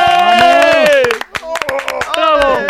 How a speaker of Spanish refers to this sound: pero todos vamos a darle un fuerte aplauso por ese aprobado.